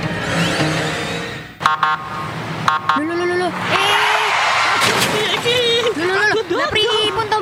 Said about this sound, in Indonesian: Jika Anda mendengar bunyi dan lampu kuning berkedip, ini merupakan rambu lalu lintas yang bernama Pelikan Crossing.